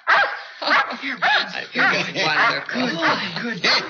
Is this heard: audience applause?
no